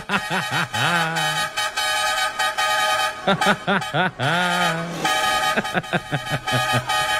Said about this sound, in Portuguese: Ai, Jesus amado, chama na buzina de novo.